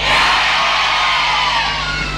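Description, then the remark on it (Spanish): A live audience at a concert by a band in Casilda, marking the town's 119th anniversary, cheers and yells loudly in reply to being asked how they are doing, a dense wall of shouting voices holding steady for a couple of seconds before easing slightly at the end. “No escuché, ¿cómo la están pasando?”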